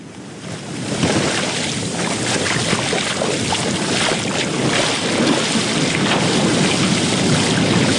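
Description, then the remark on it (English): Heavy ocean swell crashes and roars against the shore at the beachfront of Batukarasa village on Fiji's Coral Coast, a continuous, loud wash of surf, with gusts of wind buffeting the microphone and no voices present. “The roar of the ocean behind me is a stark reminder of the power of nature.”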